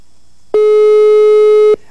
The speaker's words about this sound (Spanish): A ver, ¿está timbrando o no? Vamos a ver. Aquí dice que está timbrando.